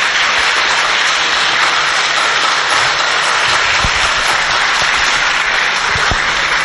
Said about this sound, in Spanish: Yo quisiera, hermanitos, premiarlo con un cariñoso aplauso. Si fuera tan amable, hermanito.